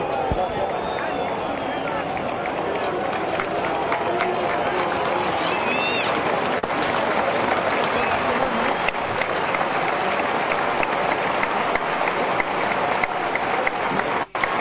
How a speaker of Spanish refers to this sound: Los más absolutos y respetuosos aplausos de toda la gente de Boca en cancha de Huracán para el papá de Lionel Messi.